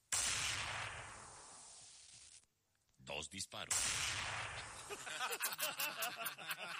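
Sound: two gunshots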